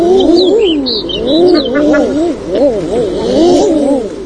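A chorus of common eiders gives overlapping, crooning calls that rise and fall in pitch, continuous and fairly loud throughout, with a few faint higher chirps above.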